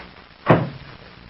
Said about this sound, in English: Then lock the door and stand on guard in front of it.